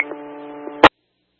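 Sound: radio static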